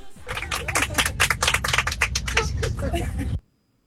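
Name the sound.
applause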